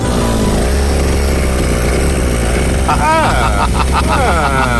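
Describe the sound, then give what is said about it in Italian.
A brush cutter's small engine drones loudly as a man clears brush with it, then revs up and down several times in quick throttle bursts, its whining pitch rising and falling. “Bravo, è così che si sgasa col decespugliatore.”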